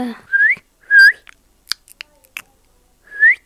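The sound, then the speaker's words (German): The parrot sound from the game Minecraft: three short, rising, whistle-like chirps separated by pauses, with a few soft clicks and taps between them, and no talking. “Na, ich würde ja sagen, das klingt ein bisschen wie ein Vogel.”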